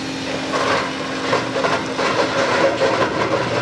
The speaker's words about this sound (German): Mit richtig schwerem Gerät geht's dem grauen Ludwigshafener Betonklotz, der mitten in einem Gewirr von Hochstraßen steht, an den Beton. Wände und Decken sind bis zu 2,5 Meter dick.